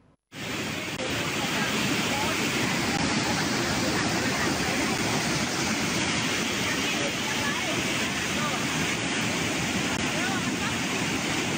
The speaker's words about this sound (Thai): เนี่ยคุณผู้ชมกระแสน้ำไหลแรงมากๆเลยนะคะชาวบ้านที่นั่นเขาก็ผวาเลยนี่คือที่บ้านเฮียหมู่1ตำบลศิลาแรงอำเภอปัวหลังฝนตกต่อเนื่องกว่า2ชั่วโมงเช้าวันนี้มาเลยค่ะน้ำป่าหลากทะลักรุนแรง